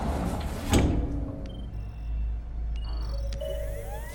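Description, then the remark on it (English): A sliding glass door to a range room glides open with a soft whoosh and a low rumble, followed by a few faint, short electronic tones in an otherwise quiet room. “enters a range room with a sliding glass door and taps on a holographic keyboard.”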